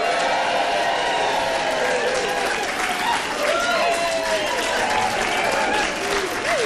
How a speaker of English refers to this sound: As you can hear, there's a great buzz in the room with a full house, a brilliant lineup of guests and musicians, and a fantastic house band ready to keep the music flowing all night.